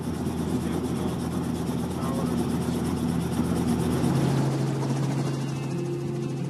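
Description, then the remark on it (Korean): A helicopter engine runs steadily and loudly during a sightseeing tour over the Okavango Delta wetland, its droning hum and rapid rotor pulsing filling the whole stretch, with a pitch shift near the end. “그 장관을 한눈에 담아보고 싶어 헬리콥터 투어를 신청한 것이죠.”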